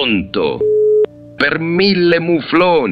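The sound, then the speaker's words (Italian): A voice speaks briefly, then a loud, steady telephone busy tone sounds for under half a second as the call drops, and cuts off with a click before talking resumes. “È caduta la linea.”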